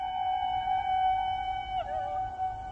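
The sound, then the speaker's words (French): A Scandinavian woman's high, piercing kulning herding call, a traditional way of calling herds across wide open spaces, sung in a long sustained note, then dipping and wavering briefly before holding steady again, ringing clearly over a low background rumble. “c'est une façon qu'ont les femmes scandinaves, depuis des temps immémoriaux, d'appeler leurs troupeaux dans les grands espaces”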